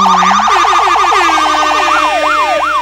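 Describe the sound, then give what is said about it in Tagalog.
A loud electronic siren from an escort vehicle, rapidly yelping up and down in a fast warbling pattern, then slowing into longer rising-and-falling wails, with no talking over it. “Eh ngayon nakita mo na ang mga escort ng mga damuhong ito?”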